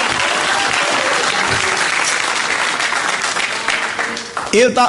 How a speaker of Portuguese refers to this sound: Dá uma salva de palmas para louvar a Jesus com força, com coragem.